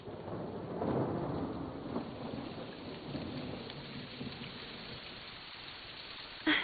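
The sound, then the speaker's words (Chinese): Steady rain pours down, spattering and dripping off the roof eaves, with low thunder rumbling and a sharp splash near the end. “你看，雨滴在屋檐上跳舞呢。”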